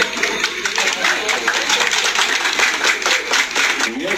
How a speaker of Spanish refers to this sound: Agradecerles una vez más y un fuerte aplauso para todos ustedes, por favor.